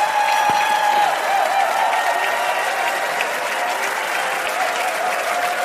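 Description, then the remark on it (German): Loud, sustained applause from a large TV show audience for Patrick and the Young Wolves, a dense wash of many hands clapping at once that holds steady, with a faint murmur of crowd noise underneath. “Und da gibt es einen riesen Applaus für unseren Patrick und für unsere jungen Wölfe, meine Damen und Herren.”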